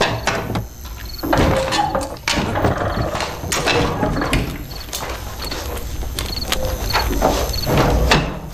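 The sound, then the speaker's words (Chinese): A wooden door is opened at night for militiamen, with a run of loud, uneven clatters and knocks over several seconds, rattling and thumping with no one speaking. “民兵，开门！”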